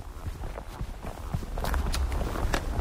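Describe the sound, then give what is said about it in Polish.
Steady footsteps crunch along an asphalt road with sharp, regular taps of trekking poles striking the ground, on the walk up from the entrance of the Chochołowska Valley in Poland, moderately loud, with low outdoor rumble underneath and no talking. “W tle słyszycie moje kroki i stuk kijków.”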